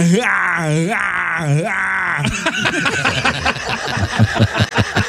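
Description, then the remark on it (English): A man imitates Arnold Schwarzenegger's movie pain yell, a loud, strained groan that wavers and swells three times in about two seconds, then breaks into quick chatter. “One is his pain yell, and every movie he has to do it.”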